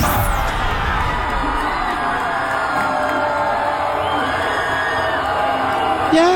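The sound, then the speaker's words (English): A large, loud crowd of 24- to 28-year-olds cheers, whoops and yells continuously, a dense wall of excited voices without a break, celebrating a primary election win in Colorado. “Bunch of 24 to 28-year-olds yelling and screaming because a radical communist just won a primary in Colorado.”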